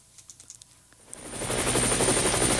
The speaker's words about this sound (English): Coming to you live from 2,000 feet in the air, this is Car Force One, your friendly neighborhood traffic helicopter.